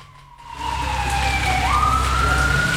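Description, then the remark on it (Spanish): A Carabineros police patrol car siren blares loudly as the vehicle speeds at high speed along Las Heras street, its steady tone dropping in pitch then sweeping back up, over a heavy rumble of traffic and engine noise. “Patrulla de carabineros, alta velocidad por la calle Las Heras.”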